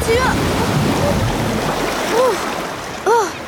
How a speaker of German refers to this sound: Mann, das war aber eine große Welle.